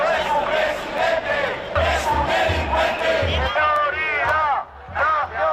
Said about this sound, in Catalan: En proclames com aquestes, insults i crits xenòfobs, els manifestants han exigit la dimissió de Sánchez.